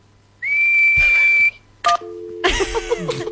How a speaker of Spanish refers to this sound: Pero dime, ¿qué es silbar? Tienes que juntar tus labios y soplar.